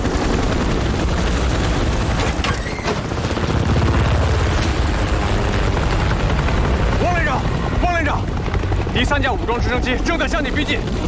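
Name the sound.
armed helicopters approaching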